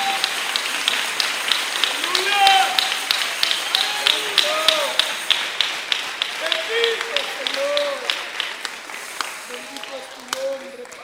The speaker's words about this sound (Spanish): Démosle un aplauso a nuestro Padre Celestial en este día, 17 de junio.